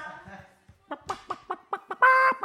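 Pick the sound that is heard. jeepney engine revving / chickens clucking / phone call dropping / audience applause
chickens clucking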